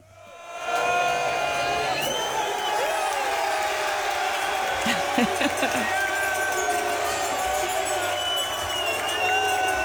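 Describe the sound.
A packed crowd at Finnegan's Pub in Miami erupts in loud, sustained cheering at the full-time whistle on Saturday night, with overlapping shouts, whoops and bellowing voices that swell after a quiet first second and stay at full volume throughout.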